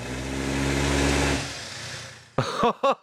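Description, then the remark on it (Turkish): A car's small turbo diesel engine, put in first gear, revs hard with a rushing turbo spool, holding loud for over a second before winding down; a man starts speaking right at the end. “Turbonun sesini duydun mu?”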